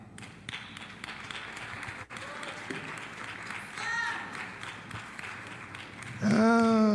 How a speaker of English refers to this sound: that clap don't fit.